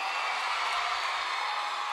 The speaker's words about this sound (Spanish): Muchísimas gracias. Muchas gracias. Un aplauso, por favor.